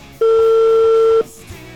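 A phone line rings once as an outgoing call is dialed: a single steady electronic tone, loud, lasting about a second before cutting off, with only faint background noise around it.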